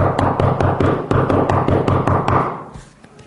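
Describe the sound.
Loud, rapid pounding on a door, a frantic flurry of a dozen or more heavy knocks over a couple of seconds, then trailing off into quiet.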